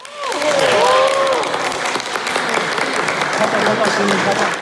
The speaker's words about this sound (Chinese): 现场掌声不断。